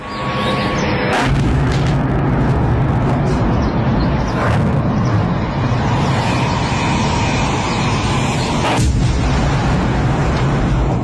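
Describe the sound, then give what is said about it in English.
Ukrainian drones hit their targets and explode just outside St. Petersburg, Russia, in the morning: about three sharp booms at irregular intervals rising out of a loud, steady roar of engine-like rumble. No one speaks. “The sound of Ukrainian drones hitting their targets and exploding just outside St. Petersburg this morning.”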